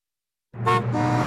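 Car horns blare in traffic after a moment of silence, one sharp honk rising over a sustained, layered burst of honking that stays loud until the end.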